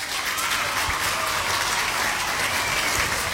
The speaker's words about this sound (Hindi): तो सभी ने बिल्कुल सही जवाब दिया है, तो आपके लिए बजेंगी तालियां।